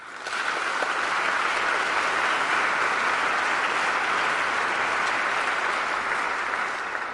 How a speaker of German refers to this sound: Vielen Dank. Applaus